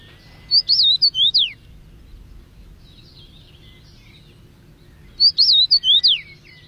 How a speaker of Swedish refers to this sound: men det är ju en ganska stor kraftig fink ändå, så att den. Och så har den en härlig sång. Vi kan lyssna lite på den samtidigt som vi pratar här.